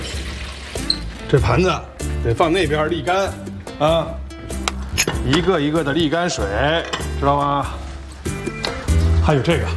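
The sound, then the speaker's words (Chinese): Dishes being washed in a kitchen sink as a man demonstrates how to wash plates clean, with scattered clinks of plates and utensils and running water, mostly beneath the man talking almost continuously. “盘子得这么洗，才能洗干净。”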